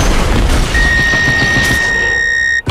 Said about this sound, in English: Earlier this evening, a small single-engined aircraft crashed.